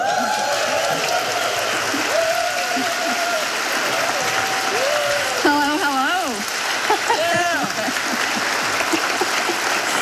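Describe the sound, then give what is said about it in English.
A crowd in Sweden applauds a guest singer steadily for the full length, a dense wash of clapping, with faint cheers and whoops rising and falling above it partway through. “What can pass better now than a stor applaud for”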